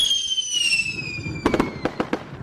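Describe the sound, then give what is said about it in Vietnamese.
Fireworks at the Da Nang International Fireworks Festival (DIFF) over the Han River in Da Nang, Vietnam, after a countdown: a long descending whistle, then a quick cluster of five or six sharp, crackling bangs close together. No voices are heard. “Mỗi mùa hè, Đà Nẵng lại bừng sáng với những đêm pháo hoa rực rỡ.”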